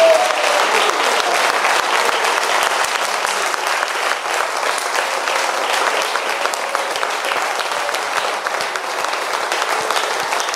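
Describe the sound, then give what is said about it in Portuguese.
A church audience in Brazil applauds Jesus for a pastor's life, a dense wash of many hands clapping at an even loudness for about ten seconds without a break. “Vamos aplaudir a Jesus por aquela vida.”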